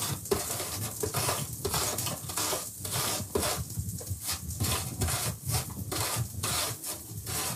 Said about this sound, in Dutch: En nu de appel. Ook raspen, hè. Een beetje voorzichtig zijn.